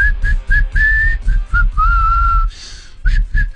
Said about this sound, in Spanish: Yo tendría que aprender a silbar antes. ¿Vos no sabes silbar? ¿No sabes silbar? Escucha, este soy yo.